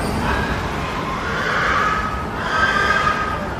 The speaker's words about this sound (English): then that's when the frenzy starts. That's when you can hear the pigs fighting for their lives. It is different from what, you know, normal pig language.